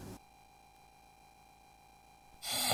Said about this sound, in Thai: เฮ้ยกรนอีกแล้วทั้งคืนนี่ไม่ได้นอนเลยนะ เฮ้ยก็แค่กรนนิดเดียวเอง